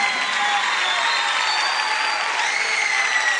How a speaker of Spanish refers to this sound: El aplauso fuerte